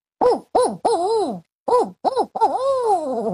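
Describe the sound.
A person imitates a barn owl call: three short wavering hoots, a brief pause, then a few more, ending in a long, quavering, descending cry with no other sounds.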